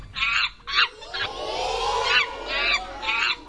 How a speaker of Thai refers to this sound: ใช่แล้วลิงนั่นเองเด็กๆลองสังเกตสิว่าลิงเนี่ยมีลักษณะอย่างไรบ้าง